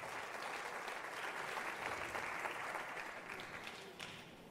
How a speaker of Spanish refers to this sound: Amén. Den un aplauso al Señor y puede sentarse.